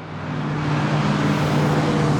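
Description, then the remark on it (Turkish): Cars passing in heavy traffic on a busy street, four vehicles approaching: a loud, steady wash of engine rumble and road noise with a low droning hum that swells slightly. No one speaks. “Geçen araçları dinleyip araç tipini tahmin etmeye çalışıyoruz. Dört araç geliyor.”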